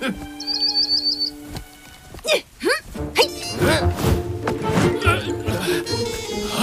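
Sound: bird chirping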